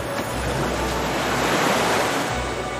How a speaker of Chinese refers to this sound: 海浪有节奏地击打着岸边